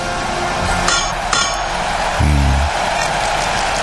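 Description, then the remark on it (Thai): A cocktail being shaken, with ice clinking against the container in a few sharp, bright clicks spaced unevenly across a steady background hiss, plus a brief low hum midway. “ขย่าวนะขย่าวก้องแกงก้องแกงนะฮะ”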